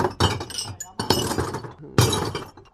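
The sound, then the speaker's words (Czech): Glass bottles from a full basket crash and clatter as they are emptied into a household glass waste bin in Poříčí, in three loud bursts of shattering and clinking with brief rattling pauses between them. “vy už tady máte i nachystaný plný košíček skla. Jdu ho akorát vysypat.”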